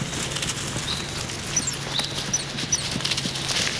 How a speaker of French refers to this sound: Je marche dans le silence d'une grande forêt, au pied des Pyrénées, dans le sud-ouest de la France. J'entends quelques gazouillis d'oiseaux et le bruit de mes pas sur les feuilles.